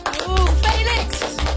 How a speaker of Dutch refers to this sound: Groot applaus voor Felix Meurders.